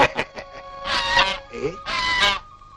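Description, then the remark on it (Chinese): Geese squawk and honk harshly in a goose fight staged by people, with a few short cries followed by two long, loud, raspy bursts, agitated. “哎，又有人斗鹅了，我去看一看”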